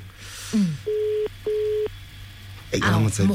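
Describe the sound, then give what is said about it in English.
A phone ringback tone, heard while calling a man, sounds as two steady, evenly spaced electronic beeps, clear and fairly loud, with a person speaking briefly before them and again right after. “I hope he answers the phone.”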